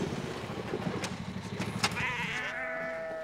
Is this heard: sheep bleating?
yes